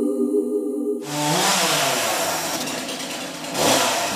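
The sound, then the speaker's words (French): A chainsaw engine idles with a steady buzzing hum for about a second, then revs up into a loud, rough, whining roar that wavers in pitch and surges again near the end. “Attention, toujours à la tronçonneuse.”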